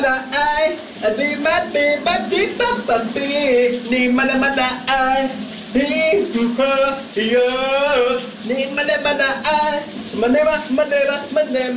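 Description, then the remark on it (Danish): A man sings a wavering, melodic tune with vibrato-laden held notes over the steady, hissing spray of a running shower that continues throughout, on a Wednesday morning. “Han er der i et gevaldigt humør den her onsdag morgen, og det er der da også en god grund til, for det er altså en vældig god sang, han har gang i under bruseren.”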